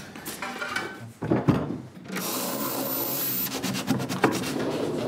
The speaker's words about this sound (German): Und wenn ich dann nachher alle Fähnchen richtig gesetzt habe, öffnet sich wieder eine Schublade und einen Schlüssel erhalte ich.